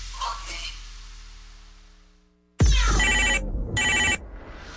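A phone ringtone bursts in loudly after a fading, echoing tone, sounding in two bright electronic rings separated by a short gap.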